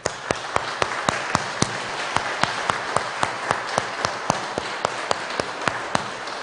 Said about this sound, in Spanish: Vamos a darle un fuerte aplauso a Cristo Rey.